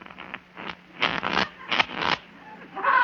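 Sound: shuffling playing cards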